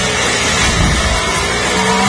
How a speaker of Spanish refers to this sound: ya empieza el rugir de los motores.